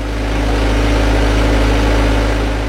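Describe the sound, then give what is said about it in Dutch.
A potato harvesting machine's heavy engine runs steadily during the potato harvest on a field in Japan, with workers on the machine sorting potatoes; a deep, droning rumble and constant mechanical vibration hold an even loud level throughout, with no voices. “Op de oogstmachine staat een groepje Filipijnse en Japanse werkers de aardappelen te scheiden”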